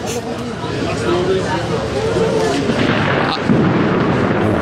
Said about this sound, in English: Not sure if you can hear that thunder above. Not sure if the mic will pick it up.